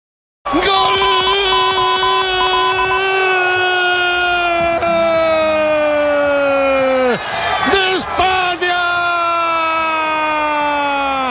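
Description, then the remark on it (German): A street crowd in Spain celebrates at night after Spain's World Cup final win over Argentina, with loud, sustained blaring horns droning over shouting and cheering voices, the horn tones briefly dipping and breaking before resuming just as loud. “Nach dem Abpfiff kannte der Jubel in Spanien natürlich keine Grenzen mehr.”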